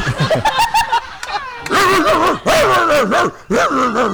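A dog yelps and whimpers in a run of high, wavering whines and short barks, loud, with a brief pause before the whining resumes more intensely.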